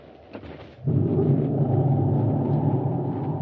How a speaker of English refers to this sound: As the storm builds in violence, Buzz and Abby stand in the darkened office shack, looking out the window toward Baccarati's small, sleek atmosphere ship. An occasional flash of lightning brings every inch of the prison yard into full brilliance.